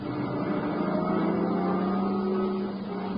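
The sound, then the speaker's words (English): A boat motor runs steadily as the boat pulls up in front of a cabin, a low, even engine drone with a humming buzz that holds a constant loudness throughout, with no voices over it. “Shut off the motor.”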